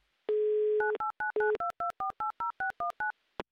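A steady dial tone, then a quick run of about a dozen touch-tone beeps as a phone number is dialed, each short tone evenly spaced, loud and close with no talking.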